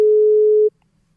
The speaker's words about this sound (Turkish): Dırırt sesi, kapanma sesi. Kapandı. Ulaşamadık.